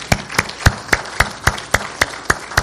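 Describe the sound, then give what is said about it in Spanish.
Steady, evenly paced clapping, about ten sharp claps in a regular rhythm, fairly loud, like a single person applauding in honor of a father, with no talking. “Yo le doy un aplauso a ese padre.”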